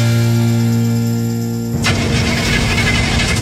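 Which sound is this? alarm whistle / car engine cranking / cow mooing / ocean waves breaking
car engine cranking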